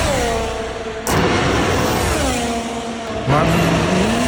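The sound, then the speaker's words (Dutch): A Formula 1 race car roars past on the Zandvoort circuit, its loud high-revving engine whining with rising and falling pitch and abrupt jumps as gears shift, with no talking over it. “Ja, volgend jaar horen we niet meer dit geluid op het circuit van Zandvoort.”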